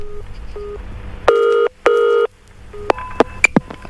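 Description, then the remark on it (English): A telephone call being placed to a woman: faint short dialing beeps, then two loud, sustained ringing tones in a double burst, followed by more quick beeps and sharp clicks. No one speaks. “Perhaps you could phone her under the guise of an official of the Welsh Water Authority and stating that you found out about her actions.”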